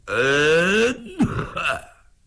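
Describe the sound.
A man's voice imitates someone coughing once in a spoken story: a drawn-out, throaty voiced sound followed by two short, rough bursts, fairly loud, with no other talking.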